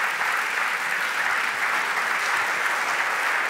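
Sustained applause from an audience, a steady dense crackle of many hands clapping at a constant, fairly loud level with no voices standing out.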